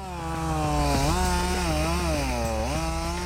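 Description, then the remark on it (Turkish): A chainsaw roars steadily as it cuts down a tree, its engine pitch dipping and rising as it bites into wood, running continuously without any voices. “Bir ağaç daha kesmeliyiz.”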